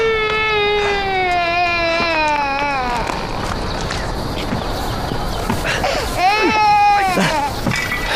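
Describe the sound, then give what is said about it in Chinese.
A baby wails in long, drawn-out cries with a wavering pitch, loud, pausing briefly before another strained cry rises near the end amid faint background bustle. “那个，孩子哭了，啊，闹坏了。”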